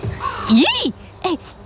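A raven caws twice, fairly loud: first a longer, rising-then-falling rasping call, then a brief pause and a shorter second caw.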